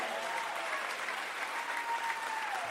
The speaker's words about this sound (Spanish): Dale el aplauso a Dios.